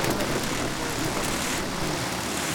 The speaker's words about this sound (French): C'est l'été. Je suis au bord d'une rivière en fin d'après-midi dans une petite ville des Alpes. À part le son de l'eau et quelques oiseaux, je n'entends rien de particulier.